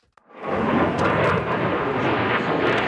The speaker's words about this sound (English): At a major international air show in the U.K., the next generation of fighter jet is on display.